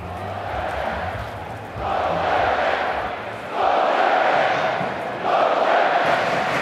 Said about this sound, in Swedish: Inne på arenan börjar norska klacken på västra kortsidan, det som kallas Oljeberget, värma upp.